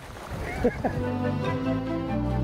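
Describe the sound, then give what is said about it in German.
A moliceiro boat's motor drones steadily as it pushes through moving water against a counter-current, a continuous hum with splashing underneath and a brief voice near the start. “Wir haben Gegenströmung, da kann man schnell umkippen.”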